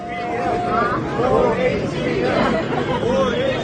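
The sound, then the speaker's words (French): A dense crowd in Seoul clamors around Nvidia CEO Jensen Huang, calling for "More HBM" (high-bandwidth memory), a steady, loud babble with a few raised voices rising and falling above it throughout. “C'est ce que la foule réclame autour de Jensen Huang, le patron de Nvidia, l'entreprise qui conçoit les puces devenues incontournables pour l'intelligence artificielle.”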